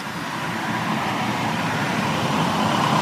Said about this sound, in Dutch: Ja, oh, daar komt een auto aan. Laten we het proberen.